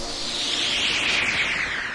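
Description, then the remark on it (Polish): A soft, continuous fizz of Litorsal, an effervescent dietary supplement drink, bubbling in a radio advert: a steady high-pitched hiss with faint crackling texture lasting throughout, with no voices. “Słyszysz? Delikatnie musuje.”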